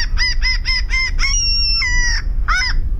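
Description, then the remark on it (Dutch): Common gull calls: a quick run of five short, high yelping notes, then a long, drawn-out mewing squeal and one final yelp, loud over a steady low rumble. “De stormmeeuw.”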